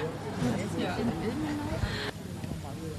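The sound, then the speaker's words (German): A small baby boy carried in a baby carrier during a soundwalk babbles and coos in short, wavering bursts over a steady rumble of outdoor traffic noise. “Und ich habe gestaunt, dass mein kleiner Sohn in der Trage mitgemacht hat, den man jetzt auch gerade hört.”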